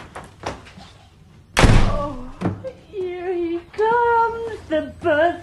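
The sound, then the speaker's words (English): A cupboard door under a staircase is kicked shut by a boy's cousin with a single loud thud that rings briefly, followed by voices making vocal sounds with no clear words; a few faint knocks come before the slam. “As Harry opens the door, his cousin pushes him back inside, kicks the door shut, and runs into another room.”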